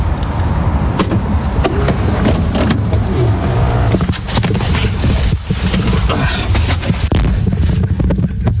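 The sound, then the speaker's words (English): Someone climbs into the driver's seat of a car: a series of sharp thumps, door clatter and rustling shuffles over a steady low rumble, with no one speaking. “I'm in the car now. Got in the driver's seat for this for some reason.”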